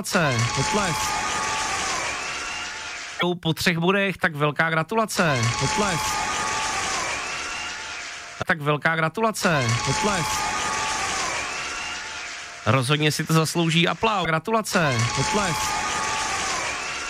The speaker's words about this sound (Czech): Rozhodně si to zaslouží aplaus.